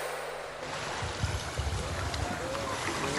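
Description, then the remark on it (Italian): Water laps steadily against the hull of a boat at sea on a windless day, a continuous wash with soft, irregular low sloshes, and a faint creak near the end. “Siamo in mare da giorni, non tira un filo di vento. Peccato che su questa barca”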